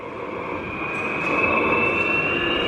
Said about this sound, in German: Vor mir steht nämlich so eine alte Diesellok und die nimmt jetzt richtig Fahrt auf. Klingt eher wie ein Düsenjet, der abhebt. Ja, ja, das ist noch so eine alte Lok, die ist ein bisschen lauter.